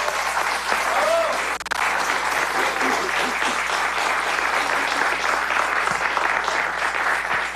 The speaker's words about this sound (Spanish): un aplauso.